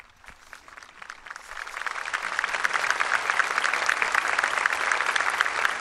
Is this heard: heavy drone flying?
no